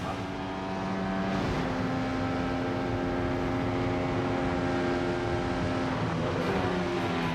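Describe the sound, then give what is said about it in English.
A brand new RB20 Formula One race car engine roars continuously during a single lap, with a loud, high-pitched harmonic whine, its pitch shifting with gear changes early on and again near the end. No voices. “We only get one lap because it's the brand new RB20.”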